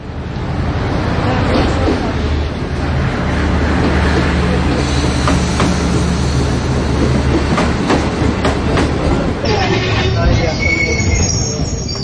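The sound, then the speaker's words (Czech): An express train pulls in at platform one, track one, a loud continuous rumble with rattling carriages and low engine hum, and brief metallic wheel squeals rising near the end as it slows. “Ekspresni vlak s prvog programa stigao je na prvi peron, prvi kolosijek.”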